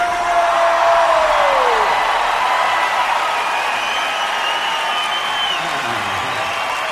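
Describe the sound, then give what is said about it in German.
A large concert audience in Cologne cheers and applauds loudly and continuously as the act comes on stage, with whoops and whistles rising over a dense wash of clapping that fills the whole stretch. “Okay, wollen wir jubeln, das sehen wir.”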